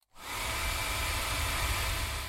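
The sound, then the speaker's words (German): A hair dryer, held at a right angle so it blows past the microphone, makes a loud, continuous roaring whoosh with rumbling low buffeting, sounding like a large airplane's jet engine, starting abruptly and holding constant throughout. “Wenn ihr den Föhn so haltet, dass er im rechten Winkel am Mikrofon vorbeibläst, hört sich das dann so an.”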